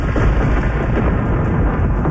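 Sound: missile strike explosion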